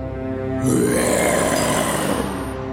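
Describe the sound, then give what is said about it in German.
A lion roars once, a deep, rough, rumbling growl that swells in loudly and holds steady for about two seconds before easing off, with no voices. “Mit dem Brüllen des Löwen wurde die kleine Maus weit weg von ihm bewegt.”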